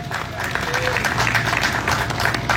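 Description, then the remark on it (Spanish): A crowd applauds steadily, a dense, even wash of many hands clapping at once, fairly loud and unbroken for a couple of seconds, with faint crowd noise mixed underneath. “¿Cuántos podemos dar un fuerte aplauso?”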